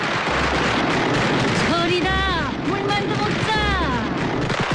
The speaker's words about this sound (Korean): 폭죽이 터지기 시작하자